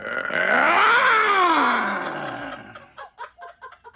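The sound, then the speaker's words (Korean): A tiger, sitting still with its mouth wide open and a sharp wooden thorn stuck in its throat, lets out a long, loud, rising-and-falling groaning roar lasting about two and a half seconds, then fades into a few short, breathy grunts. “근데 호랑이가 가만히 있네? 어? 입만 크게 벌리고 왜 가만히 앉아있지?”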